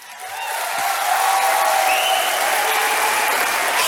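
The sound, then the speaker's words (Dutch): An audience at a poetry night in a full hall in 2023 breaks into applause, the clapping swelling over the first second into a steady, dense roar of many hands that holds strong to the end, with faint whoops mixed in. “Ik heb heel veel gedichten, niet te lang klappen.”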